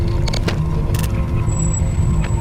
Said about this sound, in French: Les paysages campagnards défilent sous un ciel nuageux. Les voitures éclaboussent l'eau tombée sur le goudron.